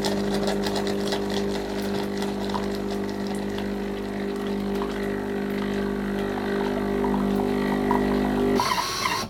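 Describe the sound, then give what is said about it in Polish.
An espresso machine, set going from its app, runs while brewing a drink, with a loud, steady mechanical buzz and droning hum, continuous for several seconds before its tone abruptly shifts near the end. “Ruszyła maszyna.”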